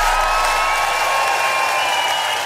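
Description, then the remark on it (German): A large audience at an outdoor show in perfect weather applauds and cheers without pause, a dense, loud wash of clapping that holds steady from start to finish, with no talking over it. “die durfte die Show bei perfektem Wetter eröffnen und das Publikum war komplett aus dem Häuschen.”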